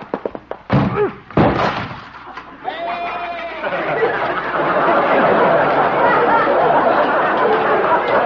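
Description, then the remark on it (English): Doc's door is smashed in with a few loud crashing thuds and splintering, then a goat bleats over a sustained, noisy commotion of clatter and chattering voices. “Well, at least Doc will have to get a new door.”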